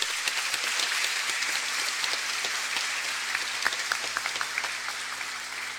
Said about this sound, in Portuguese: E nós saudamos o padre Paulo com uma salva de palmas.